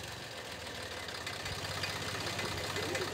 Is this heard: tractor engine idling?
yes